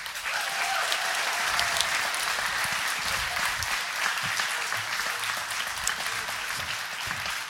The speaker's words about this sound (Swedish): Så ska vi ge det här gänget en applåd?